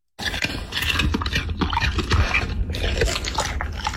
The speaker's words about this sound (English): This is a dog like eating